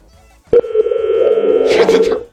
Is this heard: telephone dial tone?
yes